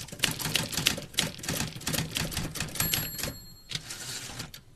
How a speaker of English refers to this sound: Typewriter.